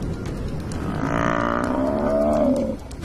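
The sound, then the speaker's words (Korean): A water buffalo, targeted by a hunting pride of lions led by females, lets out one long, low lowing call, a steady droning bellow lasting about a second and a half over a constant background hiss. “암컷이 이끄는 무리가 물소를 노리고 있습니다.”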